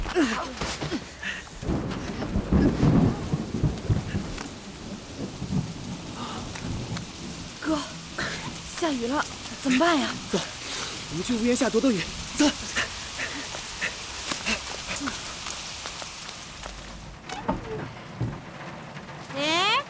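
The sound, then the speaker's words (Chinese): Steady rain hisses throughout, with low rumbles of thunder rolling underneath, while voices speak and call out over the downpour as people seek shelter from the rain under the eaves of a shop. “下雨了，怎么办呀？”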